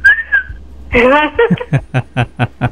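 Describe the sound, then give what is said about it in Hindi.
A short, thin whistle made by sharply drawing in breath in the cold while a woman takes a dip at a Ganges ghat in March, held for about half a second, then followed by a string of rhythmic chuckles. It sounds like someone imitating the sound. “जी ठंडी से ही, मार्च का महीना था, कुछ अमावस की कुछ पड़ा था, चली गई थी ना आने, ठंडी में मैंने सांस अंदर की तरफ खींची तो ऐसा सीटी बस बच गया।”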